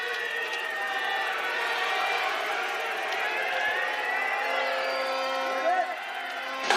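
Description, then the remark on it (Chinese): Spectators in a valley shout and cheer steadily at the start of the biathlon mixed 4x6 km relay at the Milan Cortina Winter Olympics, 21 teams competing; snow at 0°C, air 4°C, light south wind. A dense roar of many voices with scattered higher whoops, swelling briefly near the end. “好，选手们出发，观众的喊声响彻山谷。”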